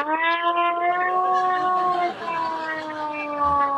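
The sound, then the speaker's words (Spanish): A mechanical air-raid siren holds a loud, steady wailing tone rich in harmonics, its pitch sagging slightly midway before settling and continuing without pause. “Una sirena como antiaérea, ¿no?”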